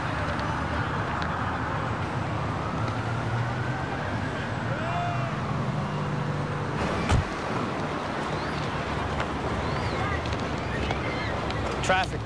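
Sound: road traffic noise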